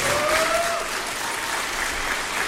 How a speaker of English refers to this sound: Every student that comes out here today, I want you to give them your loudest applause because they really deserve it.